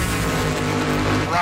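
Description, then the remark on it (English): Loud racing engines rev in a short, continuous roar, their droning pitch climbing slightly toward the end. “Start your engines.”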